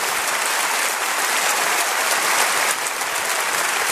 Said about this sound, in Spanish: Denle un aplauso a Jesucristo, por favor. Gracias, Señor.